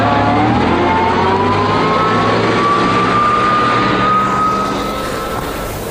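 A heavy bus engine revs up loudly with a rising whine, then the rumble begins to fade as the vehicle pulls away. No one speaks.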